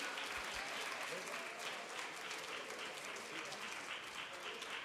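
A church audience applauds steadily, welcoming a gospel singer, a dense, sustained wash of clapping that holds at an even loudness for the whole stretch without fading.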